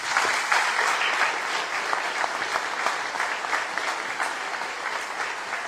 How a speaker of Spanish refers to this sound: Así que de verdad, démele un fuerte aplauso.